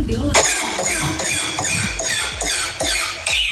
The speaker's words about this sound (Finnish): miltä kuulostaa tämmöinen pikkusen ehkä huonosti käynnistyvä auto teikäläisen mielestä